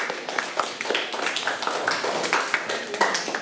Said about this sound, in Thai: เก่งมากค่ะมารับรางวัลเลยค่ะเด็กๆปรบมือให้เพื่อนค่ะลูก